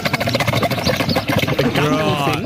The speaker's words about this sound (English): I actually, once you know it's a camel, if you've heard them be quite guttural, then you'd be like, oh, yeah, sort of.